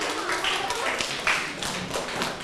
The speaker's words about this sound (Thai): ทุกกลุ่มเลยไหมทุกกลุ่มเลยนะครับปรบมือให้กับตนเองครับถูกต้อง